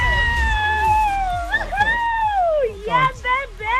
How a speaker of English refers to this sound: You're going to be screaming louder than that